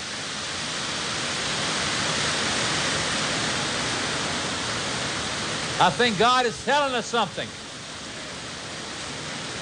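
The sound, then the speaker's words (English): Heavy rain drums steadily on a roof as a dense, continuous hiss throughout, and a man speaks briefly near the end over the downpour. “And we're going to be getting a little rain here. And it sounds wonderful on our roof.”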